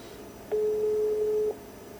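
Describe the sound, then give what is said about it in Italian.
A single steady, mid-pitched telephone ringback tone sounds for about one second over a faint background hum, the kind heard while an outgoing call rings on the other end. “Facciamo di fare tutti gli squilli che si possono fare.”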